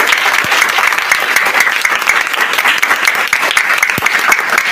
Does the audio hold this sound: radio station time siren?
no